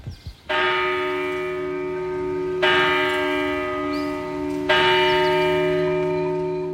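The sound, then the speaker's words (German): A bell of the Church of St. Calixtus in the village of Brienz, Albula Valley, Graubünden, Switzerland, rings out on a cold, foggy October morning in three slow, loud strokes about two seconds apart, each rich, ringing tone overlapping the long decay of the last, with no voices. “Die Glocken vor der Kirche vom Heiligen Calixtus schlönt unbeirrt die Zähne.”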